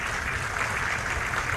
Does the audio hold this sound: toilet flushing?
no